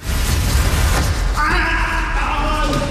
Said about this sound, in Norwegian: Det skriket der var jo helt forferdelig.